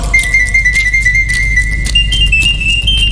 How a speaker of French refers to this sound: L'oiseau artificiel siffla 33 fois la même mélodie sans être fatigué.